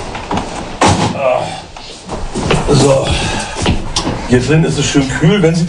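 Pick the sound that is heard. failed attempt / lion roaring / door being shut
door being shut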